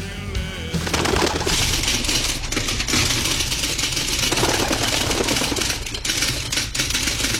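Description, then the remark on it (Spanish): Carrier pigeon sounds, with cooing mixed into a dense, steady wash of fluttering noise that runs loud and continuous for several seconds, with no voices. “Y este, vos sabés que me lo deja una paloma mensajera justo en el balcón de casa.”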